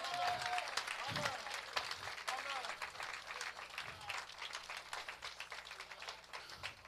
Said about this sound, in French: Est-ce qu'on peut le voir un grand applaudissement à ce soir?